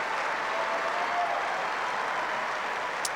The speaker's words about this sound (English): Well, Daria Kazatkina departs the scene to a huge ovation.